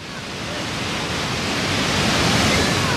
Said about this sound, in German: das Rauschen im Hintergrund ist keine defekte Wasserleitung, nein, es ist Mutter Natur pur.